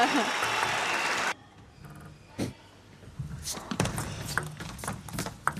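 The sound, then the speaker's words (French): A burst of loud, dense crowd applause after a point in a table tennis match between Flavien Coton and Calderano fills the first second or so, then cuts off abruptly, leaving quieter scattered knocks and murmuring voices. “Elle est forcément applaudi.”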